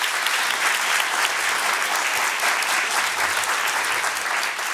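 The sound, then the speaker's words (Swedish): Steady, dense applause from an audience at Kulturhuset for Hanna Sahlberg, a continuous crackle of many hands clapping at an even loudness for several seconds, with no voices standing out. “En applåd tycker jag för Hanna Sahlberg.”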